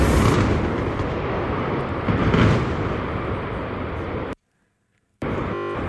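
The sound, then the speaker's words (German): A loud demolition blast of a boiler house rumbles in a dense, roaring wall of sound for several seconds, then the audio cuts out abruptly for about a second, the blast having disrupted the transmission line, before the rumble returns. “Und das war der große Knall.”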